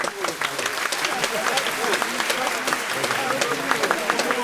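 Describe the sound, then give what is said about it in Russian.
A large group of students claps continuously in a dense, steady ovation greeting Röntgen as he arrives to give a lecture, fairly loud throughout, with a faint murmur of voices mixed into the clapping. “Овация продолжалась несколько минут, по окончании которой последовало очень сдержанное по тону, но ясное по смыслу лекции рентгена с одновременной демонстрацией эксперимента.”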